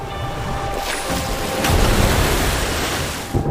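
Ocean waves wash against the shore in a steady, hissing roar, swelling into a heavier crash partway through before easing off again. No voices are heard.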